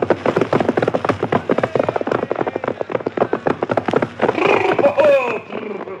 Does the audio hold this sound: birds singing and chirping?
no